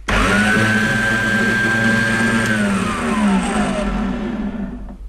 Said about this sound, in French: Ce sont vraiment des machines qui sont faites pour les maquettistes en fait. Ça fait beaucoup de bruit je crois, si elle est branchée. Je m'éloigne alors. C'est une scie circulaire. Et l'autre aussi ? Oui. Celle-ci est plus récente.